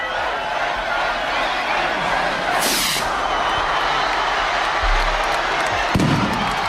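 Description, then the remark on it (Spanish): A large crowd roars and cheers steadily while a festival rocket hisses up sharply, followed by a couple of dull booming bursts beneath the crowd noise; midday rockets announcing the start of the patronal fiestas in Tafalla and Burlada, Navarra, Spain. “Cohetes que han anunciado que Tafalla y Burlada están de celebración.”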